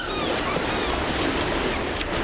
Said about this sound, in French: c'est un tel plaisir d'aller à la plage